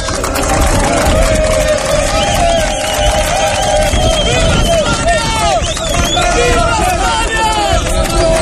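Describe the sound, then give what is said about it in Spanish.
A dense crowd of Maghrebi migrants at the gates of the Loma Colmenar holding area, many voices shouting and calling out at once, a steady loud hubbub with raised, overlapping cries and no pauses throughout. “A las puertas gritaban...”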